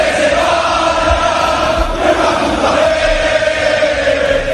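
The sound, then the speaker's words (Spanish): A large stadium crowd in Valencia roars and shouts continuously in protest against the management, a dense, steady wall of voices at a constant loud level with no clear individual words. “De la Liga a la Liga de Campeones y de la Liga de Campeones a la Liga otra vez, porque en Valencia se escuchan muchos gritos contra la dirección.”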